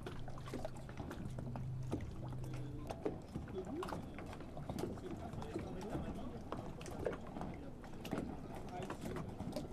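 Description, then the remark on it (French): Water laps steadily with small wavelets on the Étang de Doul, near the Sigean reserve: soft irregular splashes and clicks over a constant wash, while a low steady hum sits underneath during the first few seconds. “L'ambiance du clapotis de l'eau et des vaguelettes.”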